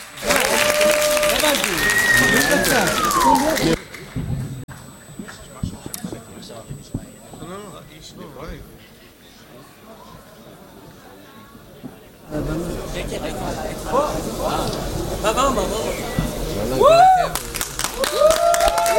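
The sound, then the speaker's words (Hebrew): Dense audience applause at the live-broadcast grand final of the show HaMalchinim 4, as the first performance is introduced, fills the opening seconds, drops to a quieter stretch with scattered claps and murmuring voices, then surges back loud, with a couple of sharp whistles near the end. “תנו כפיים בבקשה, רמות.”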